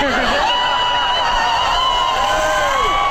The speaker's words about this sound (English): And then the crowd goes wild.